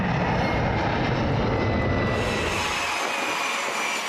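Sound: jet aircraft flying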